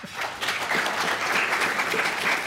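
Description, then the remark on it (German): An audience at a live event recorded for radio applauds steadily on request, a dense wash of many hands clapping at an even, sustained level for the whole stretch, with no voices rising above it. “Eine kurze Frage ins Publikum, auch wenn Sie sich zum Teil Luft zufächern, bräuchte ich einen Applaus, damit man es auch im Radio mitbekommt.”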